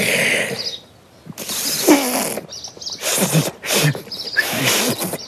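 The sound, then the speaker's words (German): Someone blows hard into a whistle that won't sound properly: several breathy, sputtering bursts of air with brief faint squeaks, never settling into a clear whistle tone. “Also, wie ein Pfiff klang das nicht.”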